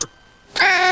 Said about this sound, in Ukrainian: Та, звісно, тебе першого пустимо, не переживай. Правило номер один. В нову квартиру першим пускають котика.